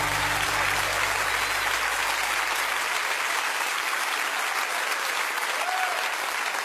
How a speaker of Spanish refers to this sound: fuerte ese aplauso a él.